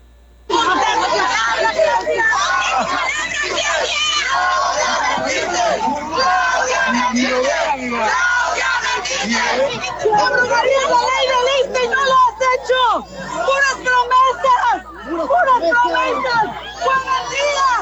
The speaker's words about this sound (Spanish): Los maestros rodearon la camioneta donde se trasladaba la presidenta y entre empujones así le gritaron.